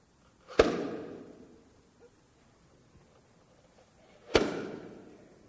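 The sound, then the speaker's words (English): Two sharp, loud puffs of air burst from an air cannon made from a Gatorade bottle, nearly four seconds apart, each with a quick fading whoosh, with no talking. “But we can literally make an air cannon with a Gatorade bottle with active breathing metaphor.”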